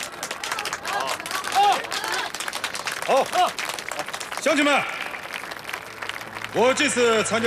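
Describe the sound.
A crowd breaks into steady, dense applause that fills the whole stretch, with a few voices calling out briefly over the clapping.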